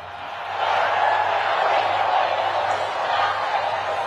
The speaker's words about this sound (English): Thousands of people booing him.